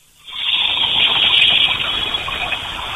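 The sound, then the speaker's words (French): Water from a leak starts abruptly and keeps rushing in a steady, loud, continuous hiss, with no voices over it. “Vous pouvez écouter le fil de l'eau.”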